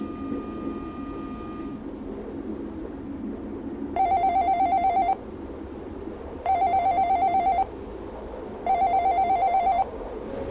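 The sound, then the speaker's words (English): A telephone rings in three separate bursts, each about a second long with short gaps between, a bright, buzzy electronic trill over a steady low background rumble. No one speaks. “a telephone that forever rings with the same recorded message playing”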